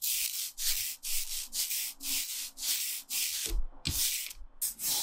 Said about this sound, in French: Ce bruit-là, c'est celui d'un rouleau qui encre la plaque